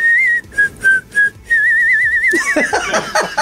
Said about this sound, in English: But I whistled the melody because I couldn't sing it. And then we were like, oh, that's kind of cool. That's kind of cool. Maybe we should have a whistle hook.